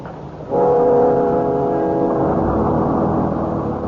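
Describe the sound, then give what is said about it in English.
The engine of a crowded bus starts up after a brief quiet moment and keeps running as a loud, steady low drone with a humming, tonal quality. No voices are heard. “The bus was crowded, and we had to stand.”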